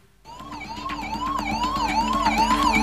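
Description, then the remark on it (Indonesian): An ambulance siren wails in a repeating rising-and-falling pattern, high and loud, steadily growing stronger over a low engine rumble, with no voices present; ambulances arriving to carry the injured and dead after a clash among inmates at a prison in Negombo, Sri Lanka. “Ambulans pun silih berganti berdatangan untuk mengangkut para korban luka dan tewas”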